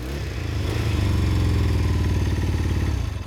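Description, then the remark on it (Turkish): A petrol engine with a new ignition and choke cable starts on the first try and runs with a loud, steady low rumble and rhythmic chugging, with a brief sharp backfire pop early on, giving off some exhaust smoke. No one speaks. “Geri tepti.”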